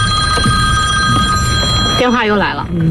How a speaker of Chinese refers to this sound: 电话又来了。